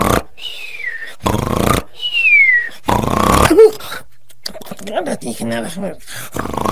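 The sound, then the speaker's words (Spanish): A voice imitates the loud, exaggerated snoring of Ruperto, a story character asleep in the shade of a pepper tree after signing hundreds of autographs: two rough snorts, each followed by a descending whistle, then a third snort and some sleepy mumbling sounds, clear. “Así que se echó a la sombra del pirul, cerró los ojos, cruzó las patas y al cabo de unos momentos, roncaba sonoramente.”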